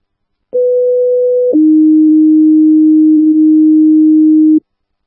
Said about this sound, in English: Engine 48, standby for an assault, 605 Main Street, 605 Main Street, standby for tones.